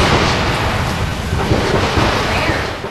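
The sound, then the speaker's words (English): Heavy gunfire outside the White House in Washington, D.C. rumbles on without pause, a dense, loud barrage of deep booms and crackling bursts blending into one continuous roar, with no voices over it. “Julie Serkin was about to start a report for the channel when shots were heard.”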